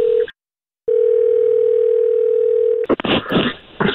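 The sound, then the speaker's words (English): A phone line rings on an outgoing call to an office number: a steady electronic ringback tone cuts off briefly, then sounds again for about two seconds before a man answers and begins talking. “All right, okay, it's ringing.”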